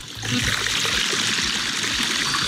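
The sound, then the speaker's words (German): Heavy rain pours down in a steady, dense, loud hiss that fills the scene, with no break or change in intensity throughout. “Und da kommt der Regen sofort rück. Jawohl, es gießt.”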